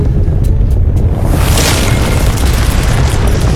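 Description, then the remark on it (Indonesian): A deep, continuous rumbling roar fills the whole clip, heavy in the low end with a hissing, crackling wash swelling around the middle, like an earthquake tremor effect. “Tanah bergetar, gempa, apa yang terjadi?”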